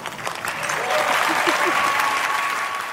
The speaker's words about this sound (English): A lot of people in the audience felt the need to cheer her on, but other people in the audience gave a weird look.